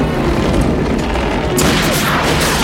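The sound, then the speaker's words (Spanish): A musket gunshot, fired by Montero at Zorro near a large pulley hoist, cracks out partway through, a sudden bright blast that lingers as harsh hiss, over a constant loud, rumbling wash of noise. No one speaks. “Montero carga su mosquetón y le dispara.”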